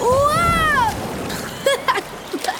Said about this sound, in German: Boah, was für eine Welle. Du musst da nicht versuchen, die Welle aufzuhalten. Das schaffst du nie.